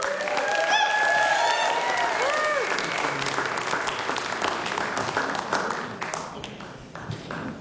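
An audience bursts into steady applause for a band, dense clapping with a few whistles and cheers early on, holding strong before gradually thinning out toward the end.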